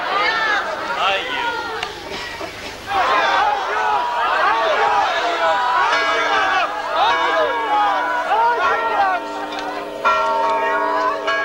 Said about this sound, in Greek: Άγιος, Άγιος, φώναζαν την ώρα που θα γινόταν η ταφή. Και οι καμπάνες χτυπούσαν χαρμόσυνα ψάλλοντας το Χριστός Ανέστη όλο αυτό το πλήθος.